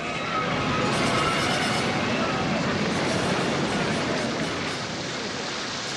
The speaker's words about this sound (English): The winds and waves die down.